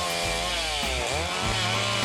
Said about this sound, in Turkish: Ağaçların düşerkenki sesi ve burada elektrikli testerelerle kesmemiz... ...bana çok hoş geliyor ve iyi vakit geçiriyorum. Bunu seviyorum.